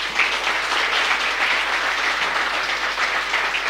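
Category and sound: crowd, audience applause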